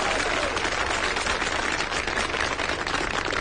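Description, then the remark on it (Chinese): A steady wash of audience applause fills the whole stretch, dense and even, with many hands clapping at once and no break or voice on top. “你说观众不给你鼓掌吧，手已经伸出来了，给你鼓掌吧，心里不情愿。”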